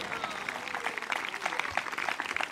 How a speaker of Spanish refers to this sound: Dele fuerte ese aplauso, a su nombre sea la gloria.